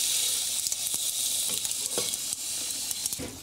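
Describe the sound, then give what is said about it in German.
A steady high crackling sizzle from a dry pan without oil over low heat (setting 4), with scattered soft clicks and taps as pine nuts toast, shift and rattle against the hot surface. No one speaks. “Pinienkerne kannst du wahrscheinlich auch ohne Öl in die Pfanne hauen, genau, oder?”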